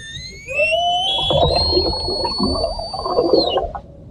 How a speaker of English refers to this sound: Sound of orca whales in the Strait of Gibraltar, where Spanish officials have launched an investigation after the matriarch of a pod of whales known for jostling boats off the Iberian Peninsula has been wounded